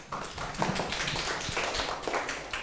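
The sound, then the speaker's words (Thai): A group of students in a maths lesson applauds a classmate with a dense, steady patter of many overlapping hand claps, moderately loud, sustained for a couple of seconds with no speech. “เอาปรบมือเพื่อนหน่อยครับ”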